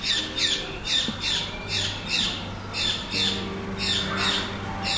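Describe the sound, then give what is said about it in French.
A bird squawks repeatedly in harsh, rhythmic bursts, about ten calls in quick succession, fairly loud, over a low steady background hum. “Alors, il y a un oiseau qui a son opinion sur la question, mais je n'ai pas bien compris ce qu'il voulait lui dire.”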